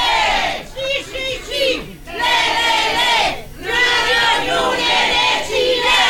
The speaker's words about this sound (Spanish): Ah, por ahí sí, pues, ah, sacó aplauso la señora, ¿ves?